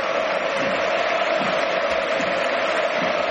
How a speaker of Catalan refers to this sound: Ovació per Gordon, amb la gent dreta també aplaudint, acomiadant Gordon, i ara... aplaudiments menys, però també, sí, per Adeyemi.